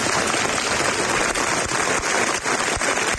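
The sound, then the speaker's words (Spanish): A crowd of citizens claps steadily and continuously as the coffins of two Civil Guard officers arrive for their funerals at the church of la Concepción in Huelva, Andalucía; dense applause, a sustained roar of many hands, loud, with no voices standing out. “Aplausos a la llegada de los féretros funerales en la iglesia de la Concepción, ante la que se reunían numerosos ciudadanos que han querido mostrar así su respeto a los fallecidos.”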